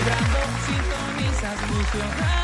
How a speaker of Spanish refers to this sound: Ahí les va su vitoreo.